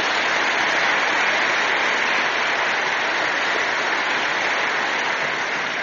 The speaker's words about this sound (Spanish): Le damos un aplauso al Señor, que es grande.